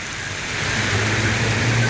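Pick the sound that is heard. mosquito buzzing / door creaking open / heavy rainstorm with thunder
heavy rainstorm with thunder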